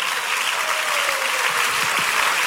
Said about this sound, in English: Oh, can somebody clap for God of Pega?